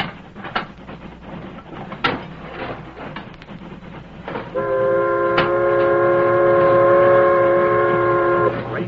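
A steam train rumbles and clatters along the rails, then a loud, steady whistle with several blended tones sounds for about four seconds over the running noise.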